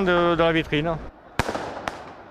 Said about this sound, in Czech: Sotva zápas skončil, tak vypukly první nepokoje. Lidé začali zapalovat červené dýmovnice, házet petardy, házeli taky lahve s vodou na policisty.